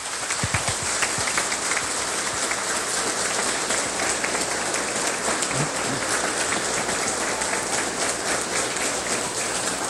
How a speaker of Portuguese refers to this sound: Vamos acolher a todas essas ofertas com uma salva de palmas.